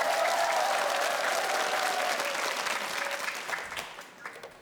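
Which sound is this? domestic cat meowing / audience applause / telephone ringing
audience applause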